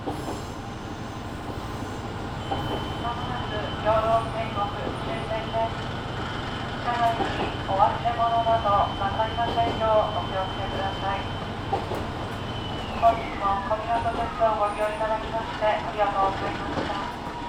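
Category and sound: vehicle, train running on rails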